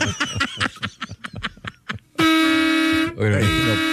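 A loud, sustained horn blast cuts in abruptly after a couple of seconds of talking and laughter, holding a steady harmonic tone for about a second before voices return over its tail.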